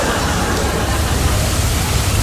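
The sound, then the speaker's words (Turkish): Heavy rain pours down in a dense, steady hiss with no letup, loud, filling the whole sound with a constant wash of noise. “Ama nasıl yağıyor, bak. Şırıl şırıl, mükemmel. Böyle yağıyor.”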